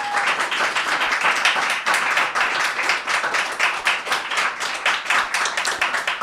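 applause and clapping

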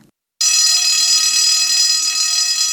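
alarm ringing

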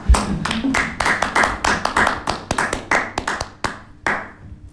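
hand clapping

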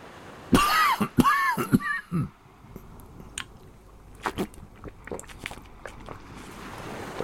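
coughing

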